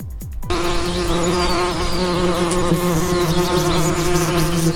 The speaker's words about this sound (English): Yes, we are talking about bees this morning. It is World Bee Day today.